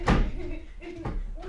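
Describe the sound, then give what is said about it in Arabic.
A door slams shut hard right at the start, a loud, booming thud, followed by a softer knock about a second later while voices talk underneath. “شوي عشان تكسري الباب.”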